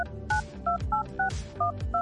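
A quick run of about seven touch-tone dialing beeps, evenly spaced and crisp, each a short dual-pitched tone, with a low rhythmic music bed thumping underneath.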